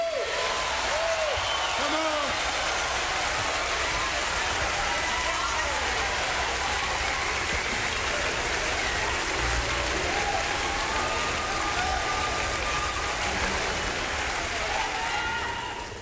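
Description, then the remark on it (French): A large concert crowd claps in a dense, continuous roar that stays loud and steady throughout, with scattered voices and faint cheers mixed into the clapping. “Come on, y'all. Clap louder.”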